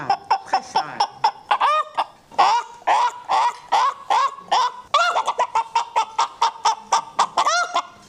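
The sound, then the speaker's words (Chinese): A person vocally imitates a rural hen cackling after laying an egg, a rapid series of loud clucks in a steady rhythm with sharp rising squawks mixed in. “刚才是学的鸟，你看咱农村的那个小母鸡下蛋，它的声音就不一样了。”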